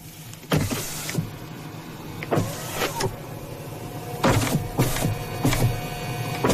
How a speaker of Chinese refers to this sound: 的确是响了一点。你这个车是热泵空调吧？应该是，是不是？